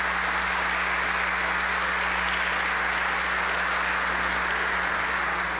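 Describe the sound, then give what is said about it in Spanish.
A church audience applauds steadily for several seconds to congratulate the Sunday's birthday celebrants, a dense, even wash of many hands clapping at constant loudness, with a low steady hum underneath and no voices. “Hermanos y hermanas, a los cumpleañeros de este domingo los felicitamos con un fuerte aplauso.”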